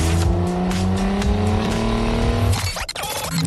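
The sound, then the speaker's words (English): A Lyft car's engine hums loudly with a low, steady drone that climbs slightly in pitch as the vehicle pulls away, followed by a brief rough burst near the end. No one speaks. “How about a Lyft? Hop in.”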